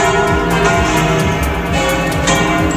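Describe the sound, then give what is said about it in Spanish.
The bells of Madrid's churches peal together in a dense, overlapping clangor, loud and continuous, with ringing tones layered from several towers across a wide space; no voices. They ring at about 10:33 to welcome Pope Leo XIV on his arrival at Madrid-Barajas airport. “En ese momento todas las campanas de las iglesias madrileñas han empezado a repicar.”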